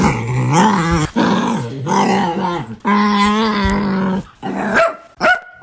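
A dog, Smudgy Boy, lets out a run of odd, drawn-out growling howls with rising and falling pitch, loud, in several long bursts ending with a couple of short yips, as he does when excited.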